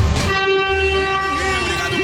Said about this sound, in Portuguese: Buzinaço aqui, ó. Dentro do túnel aqui na Piaçaguera. Vai lá, vai lá. Já sentindo o saco. Vamos lá. Aê, beleza. Vamos lá, vamos buzinar. Buzina aí, meu filho.